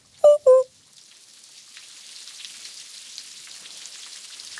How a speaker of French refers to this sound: Il pleut. Il pleut. Il pleut. Il pleut. Impossible de mettre le nez dehors. Le ciel est gris, tellement gris.